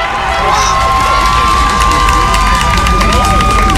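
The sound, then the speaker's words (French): A loud, dense crowd of about 230 high school students protesting in front of the François Truffaut lycée, chanting slogans and holding signs, shouts and cheers together, a steady roar of massed yelling with rising vocal calls layered over constant background din. “Mobilisés depuis environ 6h30, près de 230 élèves se sont rassemblés devant l'établissement, slogans scandés et pancartes à la main.”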